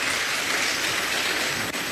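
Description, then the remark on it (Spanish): A crowd applauding, a dense, continuous wash of clapping that holds at an even, fairly loud level throughout, with no voices on top. “Muy bien, con un aplauso, que cachalar la gula 2.”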